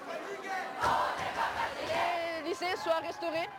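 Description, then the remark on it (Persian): A crowd of protesters in France chants and shouts together at a street demonstration against teacher shortages, crowded classrooms and run-down school buildings, a dense swell of many voices with rising, wavering cries breaking through over the steady roar. “در اعتراض به کمبود معلم، صنف های پر ازدحام و ساختمان های فرسوده.”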